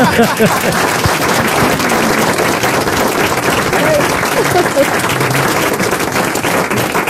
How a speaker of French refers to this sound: Je le prends pour moi, vos applaudissements.